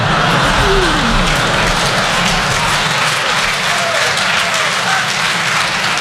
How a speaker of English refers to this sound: Did you hear what just happened in this crowd? Some people clapped.